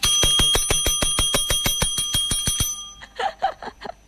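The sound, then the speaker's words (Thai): A hand-pressed call bell, bought for a bedridden mother to press when calling for someone, is struck rapidly and repeatedly, about sixteen bright metallic dings in steady rhythm, loud, before it stops and a voice briefly speaks. “พี่ได้ยินเสียงกระดิ่งนะคะซื้อไว้ให้แม่ที่ว่านอนติดเตียงกระดิ่งแบบนี้ใช่ไหมคะ”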